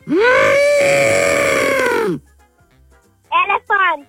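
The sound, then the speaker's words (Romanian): A person imitates an elephant's trumpet for a listener to guess in an animal-guessing game: one long, loud, sustained, slightly wavering vocal blast lasting about two seconds, followed after a pause by two short bursts of speech. “Elefant! Ai ghicit foarte bine.”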